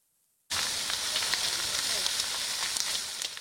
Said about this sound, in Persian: جنگل در آتش، خانه ها در معاصره شعله ها. این آتش در بخش های از آمازون برزیل گسترش یافته. شعله های آتش پوشیشگی‌هایی را می‌بلعد و به خانه‌ها و زمین‌های کشاورزی نزدیک می‌شود.